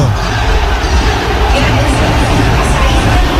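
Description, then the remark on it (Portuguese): A large football stadium crowd of Botafogo supporters roars and shouts together in a dense, steady wall of voices, loud and unbroken for the whole stretch, with an angry, protesting edge, late in the second half of the match. “Tem bronca da torcida aí.”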